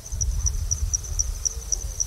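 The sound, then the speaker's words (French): Crickets chirp at night in the Sahel during the wet season, in a steady, high-pitched rhythm, with pulses repeating about every quarter second over a low, continuous rumble of background noise. No one speaks. “Et maintenant, la nuit, on entend surtout des insectes.”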